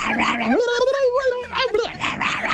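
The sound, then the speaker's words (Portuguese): A person vocally imitates a frantic mad dog, producing a rising, whining yelp followed by rapid growly barking sounds, loud, with no other voices speaking. “Vai, mais um cachorro louco.”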